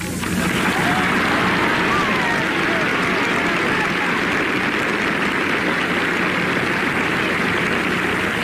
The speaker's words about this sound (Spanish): Muy bien que lo aplauden, porque es verdad.